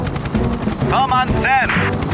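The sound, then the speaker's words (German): Tom's helicopter in flight: its rotor thumps in a steady, rapid chop across the whole stretch, loud and low, with two short warbling tones rising and falling over it around the middle. “In der Zwischenzeit ist Tom mit seinem Hubschrauber unterwegs.”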